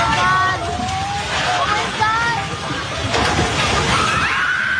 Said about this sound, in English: A video posted online shows people shouting as staff at a Jollibee restaurant ran out of the building just before the three-story structure collapsed.